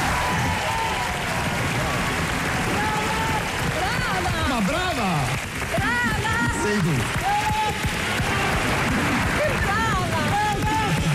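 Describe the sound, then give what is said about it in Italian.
Sustained, loud audience applause after a stage performance on the TV show Tale quale show, hosted by Carlo Conti, fills the whole stretch, a dense steady clatter of clapping with voices speaking and calling out over it. “abbiamo montato un estratto di quella puntata con il dopo esibizione di Clizia con applausi a scena aperta”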